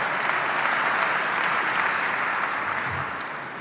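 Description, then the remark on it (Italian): Sustained audience applause, a dense steady wash of many hands clapping, fairly loud, easing off slightly toward the end with no voices standing out. “L'applauso non parte adesso.”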